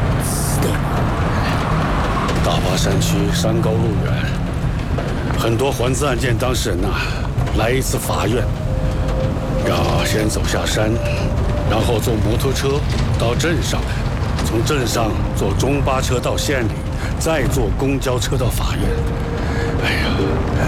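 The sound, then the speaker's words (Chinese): A vehicle engine, just started, runs steadily with a loud, continuous low rumble and rattling for the whole stretch, while people talk over the noise and everyone is told to get on. “好了，哎，发动了，发动了。好了，大家上来吧。 上车。”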